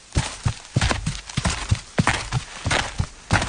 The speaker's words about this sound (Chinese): 听到外面的脚步声，他坐得更端正，表情更威严，目光更冷峻，咄咄地盯着连部的门。